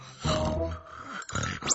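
A father snores loudly at night, two harsh, rumbling breaths in a row, the first long and drawn out, the second rougher with a snorting edge.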